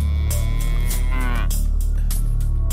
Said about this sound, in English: Where's my cows today? You alright? You alright? And you that goes meh?